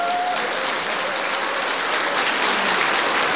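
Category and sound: crowd, audience applause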